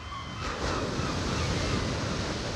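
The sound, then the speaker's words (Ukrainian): Rough sea waves surge and crash under a steady roar of wind, a dense, continuous wash of noise that swells slightly and stays loud throughout, with no voices. “Аж нараз повіяв вітер. Розігралося море, затопило корчик і з ним разом синичине гніздо.”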